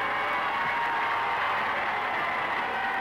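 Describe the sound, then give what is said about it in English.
A large crowd in Monaco cheers and applauds Prince Rainier and Princess Grace as they leave the cathedral after their wedding, in a steady, dense roar that holds at the same loud level for the whole three seconds, with no single voice standing out. “The nervous tension of the last few days begins to relax as the prince and princess leave the cathedral to greet their cheering people.”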